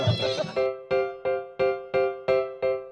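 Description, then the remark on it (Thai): After a brief burst of voices and noise, a goat lets out about six short, nasal bleats in quick, evenly spaced succession, loud, during a goat milk-feeding activity. “ตอนนี้ก็มีกิจกรรมนะครับมีป้อนนมแพะ”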